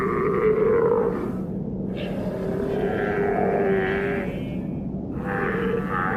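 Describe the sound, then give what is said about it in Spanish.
Antarctic seals in the Southern Ocean, between the ice and the ocean, vocalize loudly with long drawn-out groaning and bleating calls that rise and fall continuously across the whole stretch, with no speech. “Entre el hielo y el océano, las focas esperan.”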